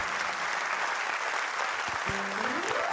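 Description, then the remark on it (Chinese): A dense, steady wash of audience applause fills the whole stretch, many hands clapping at once at moderate loudness, with a brief tonal sound rising faintly near the end. “谢谢大家， 哦，来真个掌声哈，谢谢感恩哈”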